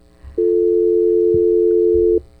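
A telephone line's connecting tone as a listener's call comes through on a radio phone-in: one loud, steady electronic hum held for nearly two seconds, then cutting off abruptly, with faint low background rumble around it and no talking.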